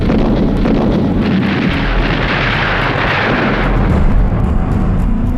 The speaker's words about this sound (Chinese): 然而在上海美专当老师还不到2年，蒋兆和平静的校园生活就被日军的枪炮声打破。